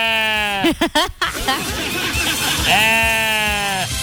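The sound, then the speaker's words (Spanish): A loud, wavering call from a donkey with a strained, bleating quality, an odd-sounding bray breaking into choppy bursts before a long quavering cry, with a person talking faintly in the background. “Oye, ¿pero qué? Está como raro el burro, ¿qué le pasó?”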